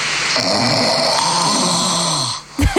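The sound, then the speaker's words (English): A single long, rasping snore of a person, recorded overnight by a snore-tracking app and played back from it, loud with a hissy, tinny quality, ending in a brief gap and a short thump. “Yeah, well, I got an app. It's called Snore Lab.”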